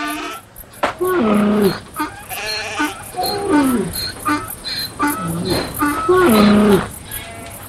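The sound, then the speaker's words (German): Sheep and goats bleat several times in a row, wavering, nasal calls from a few animals, while crickets or other insects chirp steadily in the background. “7000 Stück Kleinvieh besaß er, 3000 Kamele, 500 Rindergespanne und 500 Eselinnen.”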